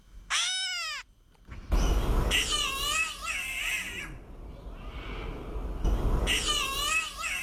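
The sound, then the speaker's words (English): A catbird, a medium-sized light grey bird, gives a brief, nasal, downward-slurring mew, then longer wavering, raspy cat-like mewing calls that rise and fall in pitch over a steady hiss of background noise. “And the call of the bird, you guessed it, sounds like a cat, or kind of does anyway.”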